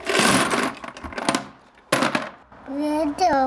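Plastic toy cars clatter as they are poured into a box: a dense, rattling burst, then a few shorter clacks, followed by a child's high, sing-song voice.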